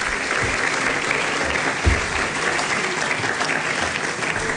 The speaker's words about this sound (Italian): Se mi fate un applauso per favore al ministro che è arrivato.